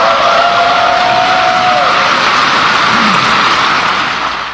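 A large crowd gives President Ferdinand R. Marcos Jr. its longest applause, cheering and standing ovation at his fifth State of the Nation Address (SONA): a loud, unbroken roar that holds steady for several seconds. A thin whistle-like tone rises over it early on, and the noise eases slightly at the end.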